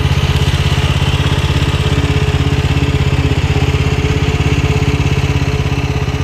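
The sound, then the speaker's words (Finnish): The engine of a small motor-driven BeachTech Sweepy Hydro beach-cleaning machine runs steadily, a loud, even putter with a rapid regular pulse and no talking. “Tällainen ihastuttava pärinä lähtee laitteesta, jolla on aika juhlava nimi. BeachTech Sweepy Hydro.”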